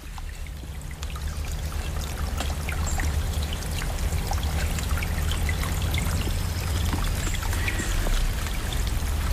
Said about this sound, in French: À présent, j'ai regagné le petit ruisseau que nous avons traversé tout à l'heure, toujours en mode stéréo.